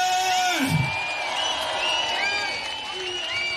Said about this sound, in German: Jetzt gucken erstmal, weil du so abgerissen hast. Und deswegen gibt es für dich einen unfassbaren Applaus